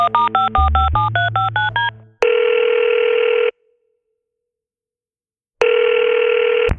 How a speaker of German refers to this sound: Da nimmt Dave Gahn sein Telefon zur Hand und wählt eine Nummer.